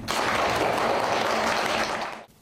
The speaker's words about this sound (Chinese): 我想值得大家学习，来，掌声鼓励。